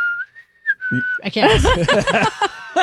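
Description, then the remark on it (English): A person whistles a short, fairly steady melody from the film The Hunger Games for about a second, clear, before several voices break in talking and laughing over a faint lingering whistle. “Where she whistles, she goes...”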